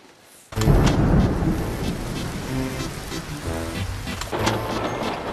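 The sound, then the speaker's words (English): After a moment of quiet, heavy rain starts abruptly and pours steadily, a loud, continuous hiss with a deep rumbling undertone that persists without letup. “As predicted, the rain continued to fall for the rest of the week.”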